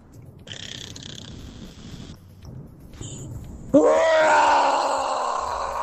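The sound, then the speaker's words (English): A person imitates a lion's roar in the style of Simba: a breathy rasping buildup, then a sudden loud, drawn-out guttural roar that holds strong for about two seconds and slowly fades. “and this is my best rendition of a lion roar.”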